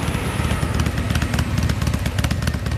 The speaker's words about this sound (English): A lady headed home on her motorbike in front of me.